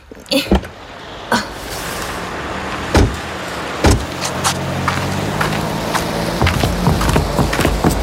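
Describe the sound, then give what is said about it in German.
A handful of sharp clunks and shuffling movements inside a car parked in front of a music shop, over a steady low hum, as people stir, handle the doors and climb out. “Na, und geparkt. Na, wenn einer parken kann, dann Yvonnechen, ne? So, lass uns mal aussteigen.”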